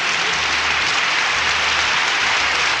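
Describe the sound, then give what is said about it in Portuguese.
Steady applause from a crowd on the Canta Brasil program welcoming a newcomer: a dense wash of many hands clapping at once with no breaks, loud and even throughout, with no voices heard. “Seu João, seja bem-vindo, viu? Aplausos, aplausos.”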